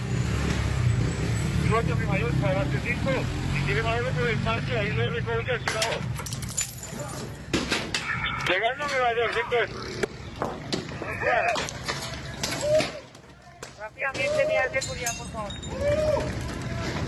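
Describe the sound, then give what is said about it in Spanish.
A chaotic street clash as women attack police with stones and sticks in the La Leona sector of La Estanzuela: agitated voices shout and yell while objects clatter and bang against metal, with sharp impacts scattered throughout and traffic rumbling in the background. “Con piedras y palos, así recibían a la policía a estas mujeres que organizaban todo lo que pasa en La Estanzuela.”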